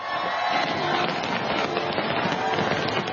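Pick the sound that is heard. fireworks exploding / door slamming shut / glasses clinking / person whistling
fireworks exploding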